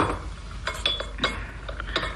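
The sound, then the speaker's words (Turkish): Tea glasses on a tray clink as the tray of tea is brought and set down, several light clinks and taps ringing out in an uneven cluster, with thin high tones briefly sustaining, over a soft low background rumble and no voices. “Getir tepsiyi şöyle ortamıza koy.”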